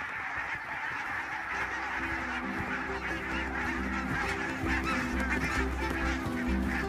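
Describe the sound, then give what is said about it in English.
A large flock of barnacle geese on the island of Fehmarn at the end of April, leaving on their way to Siberia, honks continuously, a dense overlapping chorus of yelping calls filling the air, steady and fairly loud throughout with no pauses. “At the end of April, the last barnacle geese leave Fehmarn on their way to Siberia.”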